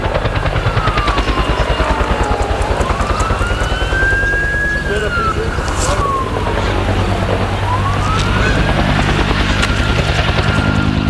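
A firefighting helicopter thunders overhead, working to put out a fire at a recycling site, its rotor chopping in a steady, heavy rhythm, while a siren wails up and down in the background.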